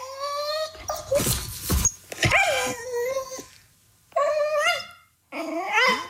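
A dog that wants attention whines and grumbles in wavering, cat-like tones, neither growling nor purring, with several drawn-out vocalizations and short pauses between, fairly loud, with a bit of rustling near the start.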